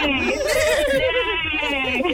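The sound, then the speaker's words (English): A person whinnies like a horse in a loud, quavering voice, the pitch wobbling rapidly up and down for about two seconds. “We're going to hear it from the horse's mouth”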